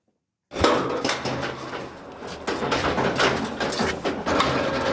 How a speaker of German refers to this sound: Mit dem Lastenaufzug geht es in den zweiten Stock auf die Baustelle. Ein DDR-Plattenbau aus den 1970er Jahren in bester Lage.